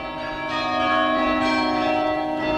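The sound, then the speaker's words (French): The bells of a restored carillon in Bordeaux ring together in a dense, sustained wash of overlapping tones, fairly loud and steady with fresh strikes swelling in, no voices present. “Il a fallu notamment nettoyer des parements, remplacer des pierres altérées, enlever des joints en ciment, remplacer par un mortier de chaux ou de résine pour mieux résister aux agressions climatiques et également restaurer le carillon.”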